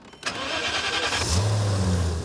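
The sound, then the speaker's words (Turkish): A six-speed Şahin car engine cranks with a rapid whirring starter burst, then catches and settles into a steady, low, rumbling idle. No one speaks. “Sesini duymak isterim.”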